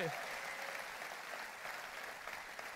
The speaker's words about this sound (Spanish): Vamos, si le vas a dar un aplauso, dáselo más, más fuerte.